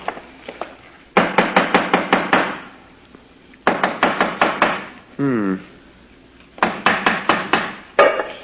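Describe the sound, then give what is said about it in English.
A hammer taps a hollow-sounding stone wall in a house in three quick bursts of sharp knocks, each run six to eight blows, with a brief murmured voice between the second and third. “Let me have the hammer”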